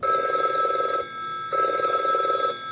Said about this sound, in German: Für viele Menschen nur ein Klingelton. Für die ehrenamtlichen Mitarbeitenden der Babyklappe in Karlsruhe ein Alarmsignal. Denn es heißt, die Klappe wurde geöffnet. Etwa 30 bis 60 Sekunden dauert es, bevor die Mitarbeitenden angerufen werden.